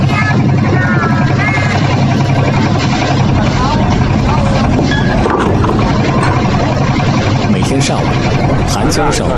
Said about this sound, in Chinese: 阵阵马达声，十多艘小船只从岸边驶向河心，人们把这些船只连接在一起，在河面上搭起一座浮桥。